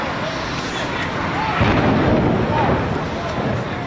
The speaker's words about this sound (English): This explosion changed the world forever. Hijacked planes slammed into the Twin Towers. The blue sky turned into a black cloud of dust and ash, leaving nearly 3,000 people dead.